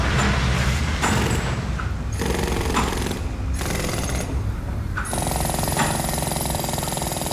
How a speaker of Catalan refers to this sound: També podem perdre'ns en l'intrincat joc de colps, arrossegaments, girs, alarmes, esclafits, cruixits i altres sorolls estridents d'una estructura industrial com esta.